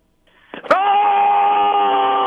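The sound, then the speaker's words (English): A loud, sustained metal-style scream from one voice, rising sharply and then held steady and strained for well over a second, alone with no talking; a caller's best metal scream. “KLT's Metal Nation, let me hear your best metal scream.”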